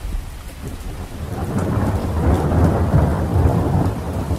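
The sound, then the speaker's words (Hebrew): Heavy rain pours down onto a ship's deck in a dense, steady roar that swells louder after the first second, with deep rumbling underneath like thunder. No voices. “בעוד 8 דקות מגיע מבול רציני, הייתי מדווח להם באמצעות רשת הקשר הפנימית של הספינה, ומצחקק לעצמי ברשעות, כשבדיוק 8 דקות לאחר מכן הריה שוטף את הסיפון גשם זלעפות, ומרטיב אותם עד התחתונים.”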